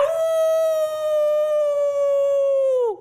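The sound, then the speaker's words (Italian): A person imitates a howl, holding one loud, steady, drawn-out tone for about three seconds before the pitch slides down and cuts off. No other sounds accompany it. “Ho ululato”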